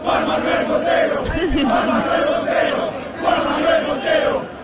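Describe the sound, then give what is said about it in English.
A large crowd of Argentina football fans chants a man's name, read from the ID in a wallet they found, in loud, rhythmic unison until he comes forward, voices swelling in repeated bursts that fill the space with a dense, roaring stadium-like sound. “This week, Argentina fans found a guy's wallet and chanted the person's name from the ID inside until that person came forward.”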